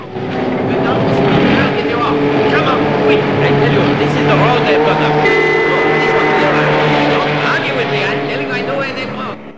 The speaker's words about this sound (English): That was the suit of armor. Owen hears the police car. It disappears down a street.